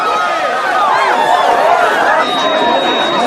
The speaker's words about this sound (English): The crowd of people rush in, pushing Bogey backwards.